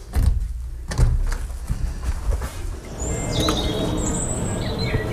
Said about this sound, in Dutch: Kijk, een trekking in dat touwtje en dan gaat de deur vanzelf open. En dan doen we dit. Deur hier en achter die deur, daar is mijn woning.